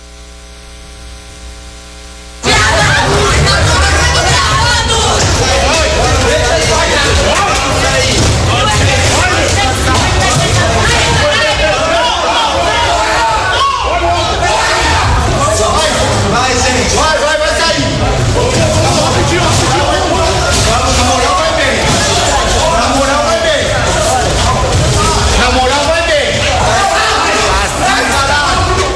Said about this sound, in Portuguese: Vídeos registrados pelos manifestantes mostram agentes usando cacetetes para agredir estudantes, além de correria e gritaria durante a saída do espaço. Ação classificada pelo Diretório Central dos Estudantes Livre da USP como um corredor polonês.